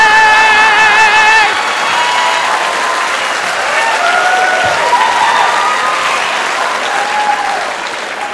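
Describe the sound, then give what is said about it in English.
A large crowd of women gathered in a town square applauds steadily while high-pitched cheers and whoops rise over the clapping, the loudest shrieks at the start before settling into continuous applause that fades slightly at the end. “all the ladies are gathered in the town square, and they're all clapping, they're all excited”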